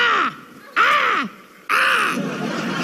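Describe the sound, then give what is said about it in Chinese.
A voice imitates a crow's caw three times in a row on stage during a cold-joke contest, as the signal that a joke is 'cold': loud, harsh, raspy calls, each about half a second long with short pauses between. “就是代表很冷， 跟乌鸦一样，好不好？”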